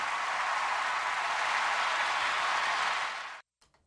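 Steady, dense applause from a crowd, a bright wash of many hands clapping at once, holding loud for over three seconds before cutting off abruptly, followed by a few faint stray claps.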